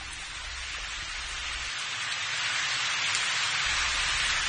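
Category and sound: nature, heavy rain falling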